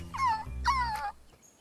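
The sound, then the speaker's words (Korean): Two drawn-out, high-pitched whimpers from a hungry baby puppy, each wavering and falling in pitch, fairly loud, followed by a brief quiet tail. “배고픈 아기 강아지를 만나도 본척 만척.”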